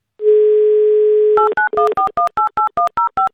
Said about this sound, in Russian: Итак, набираем номер, ждем ответа, но в первую очередь ждем, пока звучит гимн Авторадио вместо гудков, потому что это пропуск в игру